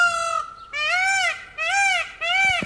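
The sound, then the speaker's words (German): A peacock in the town of Bad Zwesten in the Schwalm-Eder district calls four times in quick succession, each call a loud, nasal, wailing cry with a rising-then-falling tone, with no talking. “Bad Zwesten wird von einem Pfau unsicher gemacht.”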